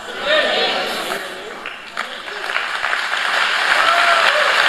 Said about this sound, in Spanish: Yo creo que tú puedes darle un mejor aplauso al Señor. Yo dije, yo creo que tú puedes darle un mejor aplauso al Señor.